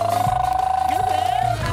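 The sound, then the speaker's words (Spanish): A person imitates an elephant's trumpet with one long, steady, nasal blast held for about a second and a half, loud, with no talking around it. “el elefante Dumbo”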